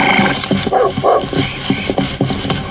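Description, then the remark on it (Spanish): Several dogs bark and yip in quick, overlapping bursts, loud, keeping up an excited racket for the whole few seconds with no pause between barks. “¡Aquí, perros!”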